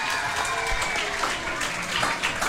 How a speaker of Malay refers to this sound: Ah, tepuk tangan sikit. Pada Ustaz.